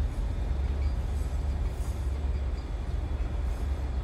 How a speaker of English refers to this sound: The train streaks through the countryside.